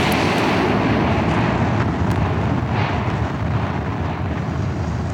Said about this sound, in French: Une violente détonation venue de la montagne fait trembler le sol.